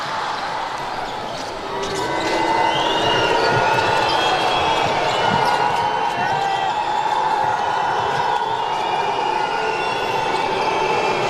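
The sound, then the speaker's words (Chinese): Home fans boo the visiting Turkish team, unhappy with recent referee calls, in a loud steady, sustained drone that swells after the first two seconds and holds, with scattered ball bounces and sneaker squeaks underneath. “主场球迷给客队的嘘声，刚才这段时间的一些吹罚呢，让现场的球迷也不太满意。”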